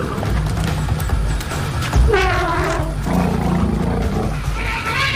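A male desert elephant swinging its trunk gives a warning call at South African gemsbok: two drawn-out, wavering, throaty bellows rise over a steady deep rumble, the first sharper and the second lower and longer. No one speaks.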